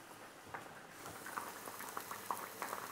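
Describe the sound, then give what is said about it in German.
Food simmers in a pan with a steady bubbling hiss, broken by scattered small pops and crackles. It stays fairly quiet throughout, with no voices. “So, Das gart jetzt hier so vor sich hin, die röste ich hier.”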